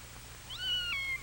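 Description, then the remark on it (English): A single meow from Anna the cat, a short rising then falling cry lasting under a second, heard clearly over a faint low background hum, with no talking. “He makes friends with Anna the cat.”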